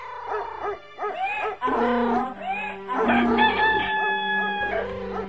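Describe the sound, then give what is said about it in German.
A rooster crows loudly several times in close succession, its calls rising and falling, with steady sustained tones humming underneath. No one speaks. “Du hast eine gute Stimme. Und wenn wir zusammen musizieren, wird es herrlich klingen.« Dem Hahn gefiel der Vorschlag und er ging mit.”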